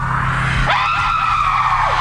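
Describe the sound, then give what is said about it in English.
A loud, shrill scream rises sharply and holds for about two seconds over a brash theme tune with a low droning backing, with no talking. “Talking about this awful theme tune that a friend of mine said”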